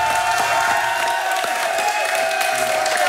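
Steady applause from a crowd, a dense wash of clapping with scattered sharper claps, holding an even loudness throughout with a faint murmur of voices underneath.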